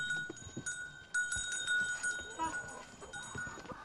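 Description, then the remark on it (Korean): Young calves, left behind while the mother cows and larger cattle are out grazing, call out inside a barn amid a steady, busy background of farmyard noise, with scattered knocks and rustling and a thin high tone running underneath. “어미소와 큰 소는 풀을 뜯으러 나가고 어린 송아지들만 남아 있습니다.”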